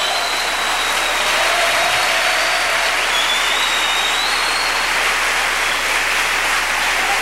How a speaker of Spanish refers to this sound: Un aplauso fuerte al que vive por los siglos de los siglos.